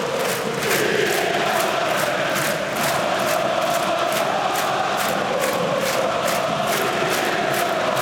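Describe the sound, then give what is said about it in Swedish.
A big crowd of AIK supporters roars and chants in a stadium at a home football derby against Hammarby, a steady, loud wall of voices with rhythmic pulses of clapping or chanting running through the whole stretch, as AIK lead 3-2 with five minutes left. “Och lyssna på AIK-publiken nu.”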